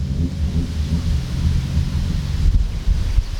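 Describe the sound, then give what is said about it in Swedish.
Folkrace cars racing at the motor week in Lycksele, Sweden: a loud, continuous low rumbling roar of engines with a gritty wash of noise on top, swelling slightly near the end, with no voices. “är på plats för att kolla in en av dagens aktiviteter, folkracet.”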